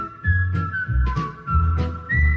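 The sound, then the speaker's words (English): Someone whistles a steady, wavering tune, the pitch sliding between a few notes, with breathy low bursts of noise pulsing underneath. “No, you whistle. Can you whistle?”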